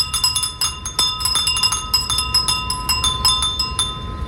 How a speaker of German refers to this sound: In Japan setzt man bei Hitze auf Furin-Sound. Das sind kleine Windspiele, die angeblich für ein kühleres Gefühl sorgen sollen. Wir testen das mal gemeinsam.